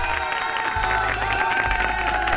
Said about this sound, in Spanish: Fuerte abrazo y aplausos para ti,